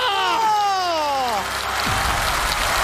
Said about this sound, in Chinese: 再来一个， 要掌声啊！ 掌声！